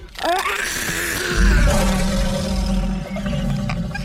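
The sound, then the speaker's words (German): A big lion at a zoo roars loudly, a deep rumbling growl that swells and holds for several seconds with no one speaking over it. “Nein, zuerst die großen Löwen.”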